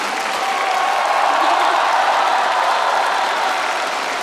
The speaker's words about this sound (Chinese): 所以在我们接下来马上开出优秀女演员奖的时候，我建议我们现场的朋友们，尤其是热情的我们好客山东烟台的朋友们，为我们这些优秀的女演员们响起掌声，给他们加油，给他们呐喊。